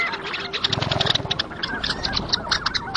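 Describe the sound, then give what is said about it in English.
A chorus of long-tailed ducks calls across open water at Teshekpuk Lake in the Arctic, nasal yodeling notes overlapping in a busy, continuous stream, with no one speaking. “their vocalizations reflect the urgency of the season. And it's not just the long-tailed ducks.”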